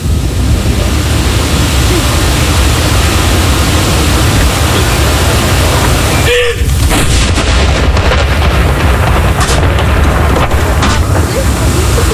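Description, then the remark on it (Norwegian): A single cannon shot of a mourning salute, one of 21 shots fired with 30-second pauses between them, booms out about halfway through, its report echoing and fading over a steady, heavy wind-like rumble that fills the whole recording. “Altså 21 skudd i alt som skal avfyres. Og så det da som vanlig ved sørgesalutt, så det 30 sekunders pause mellom hver avføring.”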